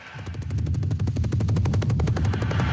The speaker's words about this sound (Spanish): Lo que pasa es que has pillado la ametralladora por ahí. O algo de eso.